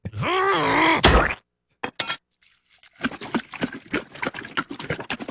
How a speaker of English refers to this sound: That was gasoline pouring.